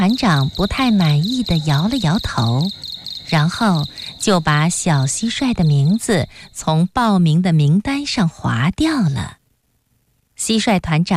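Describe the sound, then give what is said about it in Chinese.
A steady, high, slightly hoarse cricket trill, made by a young cricket rubbing its wings, runs beneath a voice imitating chirping with a rapid series of rising, wavering calls. It continues for several seconds, then a short silence, then a brief return. “小蟋蟀得意地摩擦起双翅，唱了起来。”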